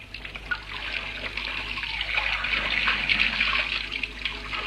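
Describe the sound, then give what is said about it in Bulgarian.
Water gushes steadily from taps, a continuous bright splashing hiss that swells louder as the taps are opened for more water, with no talking. “После пускаме повече вода.”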